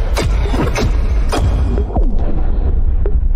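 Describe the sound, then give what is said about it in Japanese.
Several loud video game explosions go off in quick succession, sharp booming bursts over a constant heavy rumble of chaotic game noise, with no talking. “え、待って、あれ爆発するの？”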